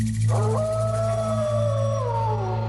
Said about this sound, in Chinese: 很快，随着一声嚎叫，整片狼群就向篝火冲来。